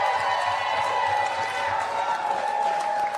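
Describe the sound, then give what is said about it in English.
A crowd cheers a New York City speech on taking over neglected buildings, roaring steadily and loudly for a few seconds, a dense wash of many voices with no pauses and no single speaker standing out. “And these idiots, these useful idiots, are cheering this on.”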